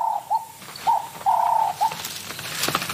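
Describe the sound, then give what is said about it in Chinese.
A guinea fowl about 30 cm tall and over 2 kg, prey sought by a serval, calls in a run of short, clear mid-pitched notes with one longer drawn-out call among them, followed by softer rustling noise and no talking. “他听到了什么动静？这是一只猪鸡，30厘米高，超过2公斤重，对搜猫来说是很大的猎物。”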